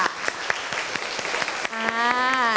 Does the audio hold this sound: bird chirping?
no